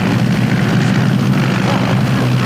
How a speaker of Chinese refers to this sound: 是飞机吗？这是日本鬼子的飞机。 对，是飞机。